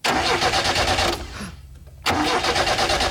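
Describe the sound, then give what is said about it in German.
A car engine cranks loudly and rhythmically without catching, pauses for about a second, then cranks again, with no voices. “es war Gott sei Dank nicht mein Auto, sondern nur ein Auto, das da gerade nicht angesprungen”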